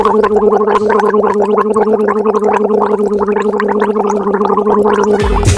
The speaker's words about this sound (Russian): Так. Да, горло полоскает. Да, конечно, так и есть, угадала.